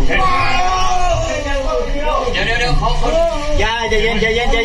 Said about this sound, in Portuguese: Os vídeos mostram a operação dentro da caverna estreita. Dois socorristas tentam puxar um dos homens que grita.